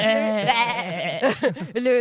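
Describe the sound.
A goat bleats loudly, one long wavering cry that breaks into a few shorter quavering bleats and then rises again at the end.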